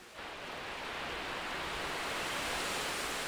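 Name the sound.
artificial waterfall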